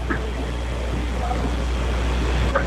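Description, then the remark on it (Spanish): A helicopter passes over a stadium during a baseball game, droning in a continuous deep rumble with a broad wash of noise, holding steady for the whole stretch while faint voices murmur now and then underneath. “Va pasando el helicóptero.”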